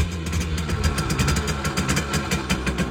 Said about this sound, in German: Und wieder knattert eine niegelnagelneue Simson S51 durchs Land. Diesmal durchs Erzgebirge